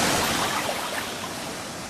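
A steady, roaring rush of flood water coming down from the mountains after glaciers melted, filling the whole clip, broad and churning with no breaks, loud with no voices.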